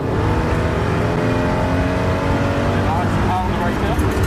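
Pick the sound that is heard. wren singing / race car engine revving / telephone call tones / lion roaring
race car engine revving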